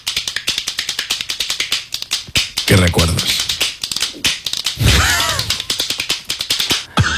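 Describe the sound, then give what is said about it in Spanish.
A rapid, steady run of sharp plastic clacks from a children's toy hand clapper shaken side to side, fairly loud, continuing throughout while a couple of voices briefly talk over it. “Esto es un aplaudidor de manos de esos como los que tienen los niños que van tiqui tiqui tiqui tiqui tiqui tiqui tiqui”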